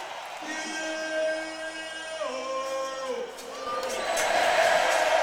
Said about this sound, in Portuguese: De novo sapateou. Palmas pra ele, meu povo.